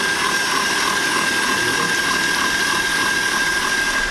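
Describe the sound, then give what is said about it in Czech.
A stand mixer fitted with a balloon whisk beats three eggs with caster sugar at top speed for a sponge, a steady, loud motor whir with a thin high whine and a rapid swishing texture that never changes over four seconds. Nobody speaks. “Vezmeme si balonovou metlu do robota na nejvyšší otáčky a tak 10-15 minut, ať se nám to šlehá.”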